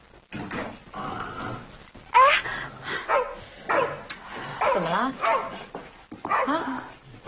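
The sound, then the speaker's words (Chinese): Several dogs bark and whimper in short, repeated bursts, fairly loud. A person speaks briefly amid the noise. “这些狗愿意领回去的领回去，不愿意……”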